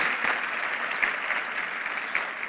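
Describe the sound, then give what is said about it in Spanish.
Sustained applause from a standing audience at a sermon, applauding the Lord, a steady wash of many hands clapping at an even loudness for a few seconds, with no voices standing out. “Dale un aplauso al Señor, ponte de pie.”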